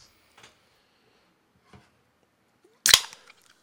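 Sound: drink can being opened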